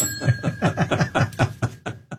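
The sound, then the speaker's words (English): A small hand bell, called the friendship bell, rings in a quick, steady run of about a dozen clanging strokes, the metallic tone lingering between strikes before it trails off. “This is called the friendship bell because it keeps him from shooting me.”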